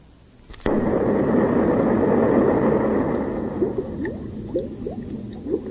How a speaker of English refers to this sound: Those bubbles? Yeah, it's bubbles. Why would they put that after an explosion? Are they threatening to turn us into bubbles? No. It sounds so much like rain, doesn't it?